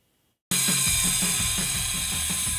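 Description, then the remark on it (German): After a brief silence, a ratchet starts cranking as screws are tightened on a roof at a solar camp in Bonn-Vielich, where young adults learn roofing, a rapid, steady train of loud clicks over a constant harsh mechanical hiss, with no one speaking. “Schleifen, klettern, festschrauben.”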